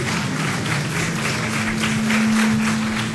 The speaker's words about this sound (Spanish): Muchas Un fuerte gracias. Aplauso, por favor, nuevamente.